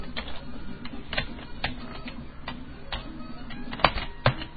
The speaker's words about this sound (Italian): Dio cane, questa tastiera.